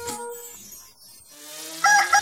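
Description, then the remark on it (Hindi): A rooster crow sound effect, played on Radio Mirchi's 'Mirchi Murga' segment, rings out in two parts: a strained drawn-out call that fades and then swells again into a loud, shrill, harmonically rich finish, with no talking. “मुर्गा मुर्गा नवीन वाला मुर्गा मिर्ची मुर्गा।”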